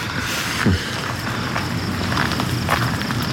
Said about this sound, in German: Nach der ganzen Aufregung tut es gut, ein paar Schritte zu gehen.